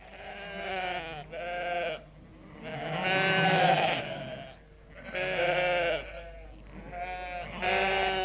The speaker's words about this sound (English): The sheep were huddled in a corner, a chorus of worried bleats proceeding from expressionless faces.